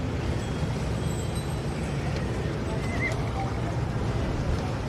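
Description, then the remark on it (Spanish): Horses of the Rocío brotherhood from Rota clip-clop across a hard surface as they disembark, amid a steady outdoor rumble, the hoofbeats blending into dense background noise with a murmur of voices. “desembarcando ya la hermandad del Rocío de Rota. Primero los caballos, lo hará a continuación la tracción mecánica, imaginamos.”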